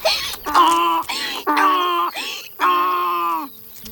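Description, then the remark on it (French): Violins mimic a donkey's hee-haw, sawing out a loud, rhythmic run of alternating high and low bowed notes, about five strokes in a row, with no voices. “Son « i-an » caractéristique est constitué d'une succession de sons alternativement aigus et graves interprétés par les violons.”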